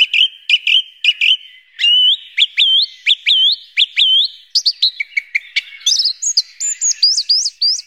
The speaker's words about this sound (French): Merci beaucoup Gilles pour cette découverte de la grive musicienne et de son univers.